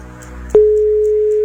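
Partway through, the ringback tone of an outgoing phone call to Poreč starts: a single steady, fairly loud electronic hum that holds unbroken to the end, over faint background noise; the call goes unanswered.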